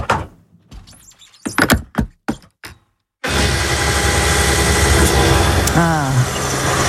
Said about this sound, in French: Une pompe à essence pour mettre l'essence dans la voiture.